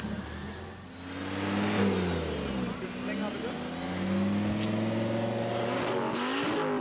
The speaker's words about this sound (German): Besonders beliebt der Lärmtest. Drehung hoch.